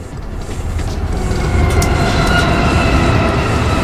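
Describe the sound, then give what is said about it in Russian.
A train carrying cargo rolls along the rails with a heavy, steady rumble and metallic rattling, swelling louder after the first second and staying dense, with no voices. “А что в поезде? Поезд что-то вез.”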